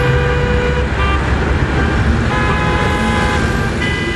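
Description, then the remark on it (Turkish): A minibus horn honks loudly and repeatedly in long blasts over a steady rumble of road traffic and engine noise, as its driver, choking on a piece of plum, honks to call patrolling motorcycle police for help while driving for 150-200 metres. “150-200 metrede zaten korna yaparak geliyormuş.”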